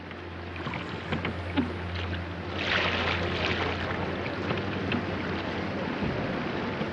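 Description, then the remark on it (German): A small boat is poled through floodwater in the flooded Elbe valley at Königstein, Germany, after a thaw, with steady sloshing and splashing under a constant low engine-like hum and some wind noise, moderately loud throughout. “Das Elbtal steht unter Wasser. In Königstein muss gestarkt werden.”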